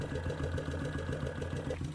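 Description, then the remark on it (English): A small engine idles steadily, heard resounding up through the carburetors into the airbox, its low rhythmic chugging with a hollow, resonant intake tone and a faint metallic whine above it, no voices. “I don't know if you can hear the air, but you can definitely hear the sound of the engine resounding all the way up through the carburetors into the airbox.”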